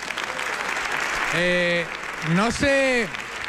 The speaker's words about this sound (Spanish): Un aplauso para vosotros, hombre.